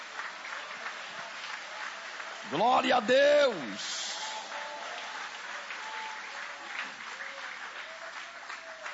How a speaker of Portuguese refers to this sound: Podem aplaudir o nome dele com alegria. Isso, pode aplaudir, pode glorificar.